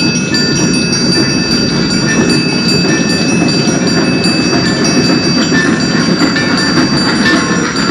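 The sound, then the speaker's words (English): A long freight train rumbles steadily past on railroad tracks, a continuous loud roar of wheels on rails with faint metallic clatter and ringing tones over a heavy low-end drone. “And T stands for train. Here it comes. It's a freight.”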